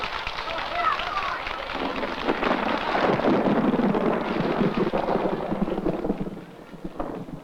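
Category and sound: nature, distant thunder rumbling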